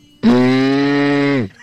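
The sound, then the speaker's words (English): A 13-year-old calling in to East Coast Radio imitates a car with one steady, buzzy hum that holds an even pitch for just over a second, then dips slightly and cuts off. It is loud and heard alone. “I'm 13 years old, and this is my best and worst. It's a car.”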